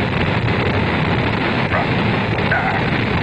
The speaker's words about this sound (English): The engine's now building up to 7.7 million pounds of thrust. We have a launch commit and we have a liftoff. The swing arm moving back. The Saturn V lifting off the power. Alpha pad building up thrust. We clear the tower.